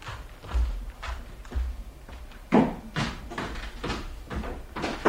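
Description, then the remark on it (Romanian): An entrance door is being opened amid a run of wooden knocks and thuds, several sharp bumps spaced irregularly over a few seconds, with no talking. “Ușa e deschisă.”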